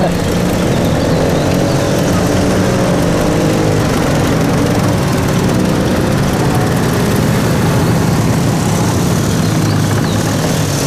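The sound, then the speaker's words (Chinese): A loud, steady roar of several motorcycle engines running together, a convoy of the headquarters special service squad; a dense throbbing drone that stays constant throughout without fading away. “这摩托车队很威风啊，看着阵仗是一点没把兄弟你放在眼里啊。”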